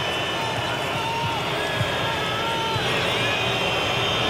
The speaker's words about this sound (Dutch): Boegeroep van op de tribune. Dat moeten dan de Turkse fans zijn.